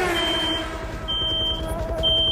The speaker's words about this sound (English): What's that beeping? Well, it sounds like you got the... I got a pocket radar detector. Oh, you would. The pocket radar. I don't know how to shut it.